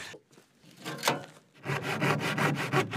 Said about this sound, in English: removing the material with the saw blade creates that gap